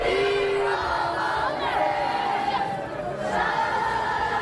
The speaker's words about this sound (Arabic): دقائق من صمت بعد مغادرة ملعب الأمير مولاي الحسن في العاصمة الرباط قبل أن تردد الجماهير بشكل جماعي وبصوت عالي ديما مغرب في عقاب خسارة لبؤات الأطلس لمباراة نصف النهائي في كأس إفريقيا للسيدات بضربات الجزاء ضد الكاميرون.